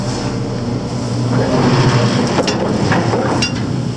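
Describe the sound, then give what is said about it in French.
A loud, continuous mechanical rumble with a metallic grinding rattle of a ship's 11-tonne anchor's chain running out as the anchor drops, with a few sharper clanks near the end. “Sur cette vidéo, tirée de l'enquête, voilà son grincement quand elle mouille.”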